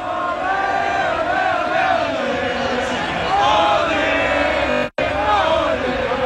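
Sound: festival crowd cheering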